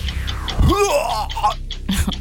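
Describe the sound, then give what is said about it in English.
A voice mimics vomiting: a gurgling, rising retch with a throaty groan, followed by a few short breathy splutters, fairly loud. “Vomiting.”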